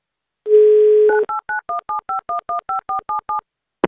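A steady telephone dial tone hums for under a second, then gives way to a quick, even run of about a dozen two-note keypad beeps as a radio show dials a contest participant in Moscow. No voices.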